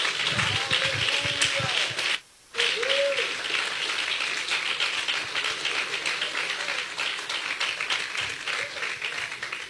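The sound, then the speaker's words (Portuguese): An audience applauds Jesus in a dense, steady wash of clapping that runs almost the whole time, with scattered voices calling out over it and a brief gap early on. “Quantos podem aplaudir Jesus?”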